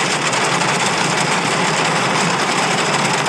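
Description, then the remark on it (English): A car engine runs steadily and loudly, a constant droning roar with a broad hissing edge and no change in pitch. No one speaks. “This is my car.”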